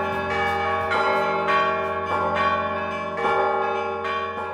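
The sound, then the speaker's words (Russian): Church bells with bas-reliefs, donated by singer Alexander Novikov to the men's monastery at Ganina Yama, ring out loud, several bells struck in a steady overlapping pattern with rich sustained tones hanging between strikes, no voices present. “В итоге Александр Новиков передал колокола с барельефами мужскому монастырю на Ганиной яме.”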